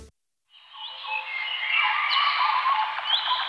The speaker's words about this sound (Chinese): 鸟鸣，溪流，森林，草原，大海。如果有一天，这些美好的声音突然消失